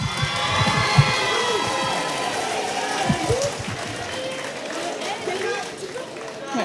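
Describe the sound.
A crowd cheers and applauds a performer after a music piece, dense clapping blending with shouts and whoops, loud and sustained throughout, with scattered voices calling out amid the noise.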